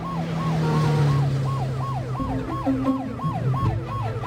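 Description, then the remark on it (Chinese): A police siren wails in quick, rising-and-falling sweeps that repeat steadily about ten times, loud over the low rumble of a moving vehicle's engine, with no talking, as the police car speeds toward the city's First People's Hospital. “温柔率先打开了车门，在天才的指引下，温柔鸣着警笛，驾着车向市第一人民医院飞快地驶去。”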